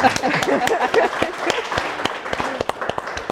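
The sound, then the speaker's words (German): An audience applauds warmly to welcome a co-host at a live event, many hands clapping in a dense, steady burst that thins toward the end into a few scattered, sharper claps, with faint voices mixed in. “Aber erstmal hier dein Applaus, Dagmar.”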